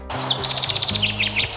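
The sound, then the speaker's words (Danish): A common chaffinch that has built its nest in the area in Møen sings a fast, bright phrase, repeating the same song again and again: a rapid run of high repeated chirps that accelerates and ends in a descending flourish, with a low steady hum underneath. “Nå, så er der Lene fra Møen, der skriver, at hun i den grad er hjemsøgt og plaget af en bogfinke, der har valgt at bygge rede i området.”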